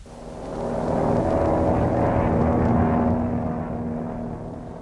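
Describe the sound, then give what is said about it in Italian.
A loud, steady jet-engine roar of an airplane bound for Chile taking off swells up, holds for a few seconds with a droning hum, then slowly begins to fade away. No one speaks. “L'aereo per il Cile è partito.”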